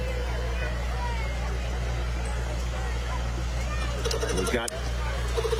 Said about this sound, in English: And I'm sure rolling down the street is our first of many tractors for today. We have a 1950 IH tractor.